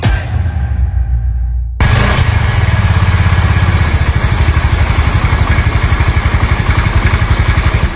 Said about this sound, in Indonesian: Gagah bener, motor baru bro. Mewah banget lagi kelihatannya. Jelas bro, Honda Vario 125. Desain menarik dengan garis tegas, beda sama yang lain. Kuat buat mudik jauh sama naik tanjakan gak bro? Aman, mesinnya SOHC, single overhead camshaft.